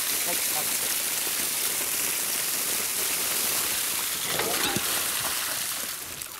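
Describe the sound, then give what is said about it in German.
Steady splashing and spattering of fountain water, a dense hiss of falling droplets with a brief burst of heavier splashes partway through, continuous and fairly loud with no voices. “So einen schönen Springbrunnen haben wir auch noch nie gehabt.”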